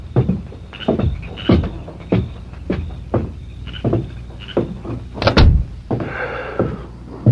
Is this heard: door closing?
yes